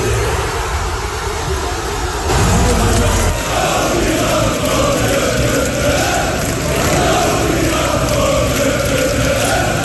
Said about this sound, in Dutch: Honderden mensen die samen naar de wedstrijd keken in Tivoli-Vredenburg in Utrecht, die konden juichen in de 72e minuut.